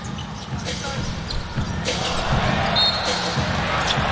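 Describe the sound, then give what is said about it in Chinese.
A player dribbles a basketball during a game, the dribble ending in a turnover: quick, uneven thuds over a constant wash of arena crowd noise, with faint indistinct voices mixed in. “自己运球是失误了。”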